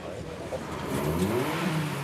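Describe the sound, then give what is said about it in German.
Drag race car engines rev loudly, a continuous throaty roar with the pitch climbing and wavering over about two seconds, as the first cars line up for an eighth-mile race. “Die ersten Wagen haben sich für das Ein-Achtel-Meile-Rennen eingereiht.”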